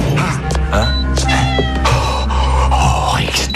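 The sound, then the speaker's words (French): A cat meows several times in drawn-out, wavering cries, fairly loud, over a steady low background hum. “Il n'y a que toi, moi et le chat.”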